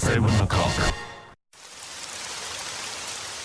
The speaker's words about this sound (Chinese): 知道天上为什么要下雨吗？仔细听啊，那是我的思念滴滴答答滴入你的心，告诉你我在想你。